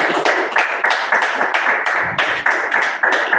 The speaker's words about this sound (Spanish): Démosle un fuerte aplauso al Padre.